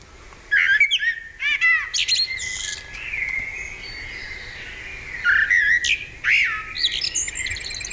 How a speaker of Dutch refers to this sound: Is het een merel? Dat ja? Klopt, ja? Merel? Echt waar? Oké, daar ben ik blij mee.